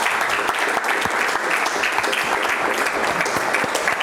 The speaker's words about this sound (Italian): Un applauso.